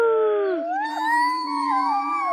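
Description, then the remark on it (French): A single long wolf howl, fairly loud, its tone rising and wavering smoothly for a couple of seconds with no voices around it. “Que dit un loup sur le parking?”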